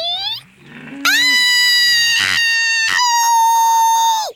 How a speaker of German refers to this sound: da es schreien wollte, trat Simon dem Kätzchen auf den Schwanz